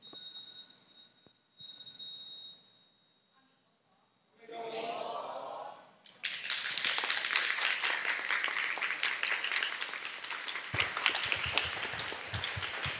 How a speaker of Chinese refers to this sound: 谢谢掌声，大家请坐。